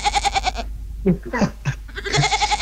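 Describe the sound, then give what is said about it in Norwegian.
Two loud, quavering goat bleats, one opening and one closing the moment, with a brief stretch of someone speaking in between. “Jeg har altså funnet lyden av en geit.”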